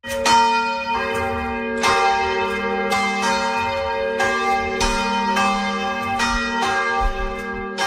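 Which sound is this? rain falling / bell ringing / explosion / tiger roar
bell ringing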